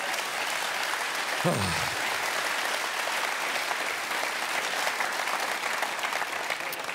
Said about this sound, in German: Dankeschön, ein Klatscher, das war sehr aufbauend, super.